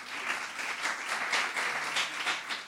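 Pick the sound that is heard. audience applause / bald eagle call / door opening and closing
audience applause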